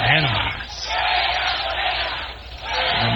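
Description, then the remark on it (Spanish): A large crowd at the Pancho Villa roundabout in Chihuahua, Mexico, celebrates the Mexican national team's win, chanting "Fuera Morena" and cheering in a loud, continuous roar, voices rising and falling in rhythmic waves, with horns or whistles cutting through. “Al grito de fuera Morena, celebran chihuahuenses el triunfo de la selección mexicana en la glorieta de Pancho Villa.”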